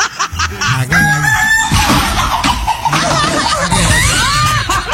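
A rooster crows loudly, filling the whole stretch in long, wavering calls, with faint laughter and background voices underneath.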